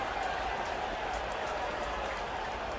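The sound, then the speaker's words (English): A large baseball stadium crowd at a Pirates game buzzes after a grand slam in a dense, steady roar, with a clapping-like wash of noise that holds at an even level throughout. “The crowd is still buzzing.”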